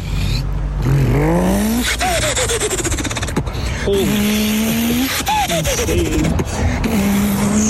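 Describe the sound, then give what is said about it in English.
Someone imitates a car engine with their voice, making repeated rising, revving vroom sounds with squealing tones, loud and close, in several bursts without any words. “Northern Nats 10 promises bigger cars and louder engines”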